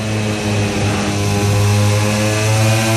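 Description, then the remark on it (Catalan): A loud, sustained engine roar from racing motorcycles (KTM, Ducati, Aprilia) accelerating hard again after braking, a dense buzzing whine with strong harmonics that holds steady for about three seconds, with no voices over it. “Aprofitant la mateixa velocitat, tallen una mica i tornen a donar gas a fort.”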